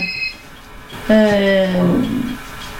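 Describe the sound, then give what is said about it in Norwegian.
A telephone rings with a single steady electronic buzz lasting under a second, fairly loud, preceded by a brief faint high-pitched tone. “Nå ringer telefonen her også.”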